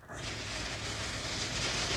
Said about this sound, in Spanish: Eso es lluvia.